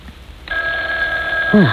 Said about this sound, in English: Oh, what's that? Oh, it's the phone ringing, Mother. Well, answer it. It sounds so far away.